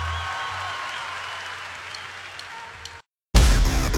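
A crowd claps steadily for about three seconds, a dense patter of many hands over a faint hum, then it cuts to brief silence before a sudden louder burst of noise.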